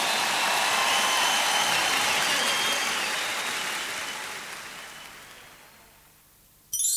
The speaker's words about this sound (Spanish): ¡Un placer! ¡Fuerte aplauso para ellos! ¡Un lujo!